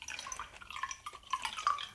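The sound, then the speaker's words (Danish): Juice pours steadily from a bottle into a glass, a bubbly, gurgling trickle with small splashes and rising tones running for about two seconds, with no one speaking. “Og nu hælder jeg forbi.”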